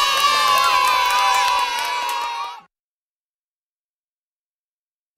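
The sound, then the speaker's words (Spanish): On Peque Radio, a loud burst of children cheering, shouting and clapping together for about two and a half seconds, then it cuts off abruptly into silence. “Y ahora el aplauso más grande de todos, para ti.”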